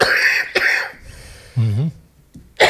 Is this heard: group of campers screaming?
no